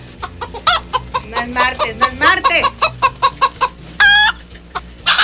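Chickens cluck in a rapid, uneven string of short calls, fairly close and loud, ending with a longer drawn-out squawk near the end.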